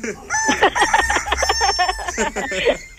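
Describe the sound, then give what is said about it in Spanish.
A person's voice mimics a rooster's crow, a loud, strained, warbling call with pitch jumps and breaks that runs for a few seconds. “A ver, es que no, voy a hacer gallos aquí, ¿eh?”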